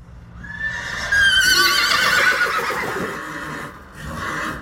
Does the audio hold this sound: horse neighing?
yes